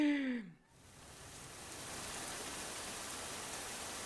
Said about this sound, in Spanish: Parece que va a llover. Pues sí, ya llovió, sí es cierto. Ya está, qué horrible.